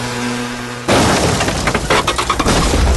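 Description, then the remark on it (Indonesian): A sudden loud crash of breaking and scraping debris from a motorcycle accident bursts in after a brief low hum, followed by a couple of seconds of clattering and rattling impacts. “Ih, apa kaya? Kecelakaan apa?”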